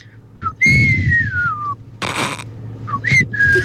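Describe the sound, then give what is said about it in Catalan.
A person whistles a short melodic phrase from a song, with clear sliding tones, broken midway by a brief breathy rush of noise before the tune resumes. “A veure, mira, fa així, se sent un xiulet que fa...”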